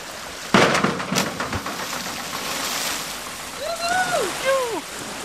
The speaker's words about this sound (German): Du bist auf jeden Fall Arschbombenprofi. Deswegen wirst du mir gleich erstmal zeigen, wie das funktioniert.